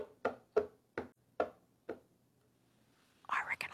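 Five light, crisp taps at a steady walking pace recreate a dog's claws clicking across a wooden floor as part of a guess-the-sound quiz, followed after a pause by a short breathy rustle.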